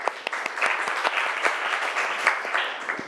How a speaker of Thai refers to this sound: ก่อนอื่นปรบมือเพื่อนก่อนเร็ว